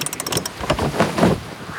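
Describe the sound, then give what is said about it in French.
Wind fills a sailboat's sail and waves lap around the boat as it sails, a brief steady swell of breezy, splashing noise with a faint rattling flutter at the start and no voices. “Le vent gonfle la voile. Et le bateau de Toudou vogue sur les flots.”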